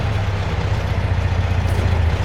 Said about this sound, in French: Ah, voilà une auto qui arrive. C'est pas notre homme, la voiture est pas noire.